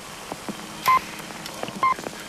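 Two short, clear time pips from Australia's telephone talking clock sound about a second apart, each a brief steady beep, over a faint hiss of line noise with no voice.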